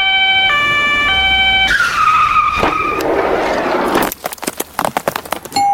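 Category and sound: vehicle, fire engine siren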